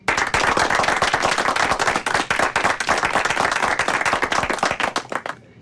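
A burst of applause from a group on the local radio station Radio Øst, dense rapid clapping at a steady loud level for about five seconds, then cutting off abruptly. No voices are heard.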